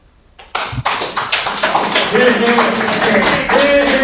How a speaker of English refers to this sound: Of course, there was a bit of a crowd there, and they did cheer him on because of that, what he said there.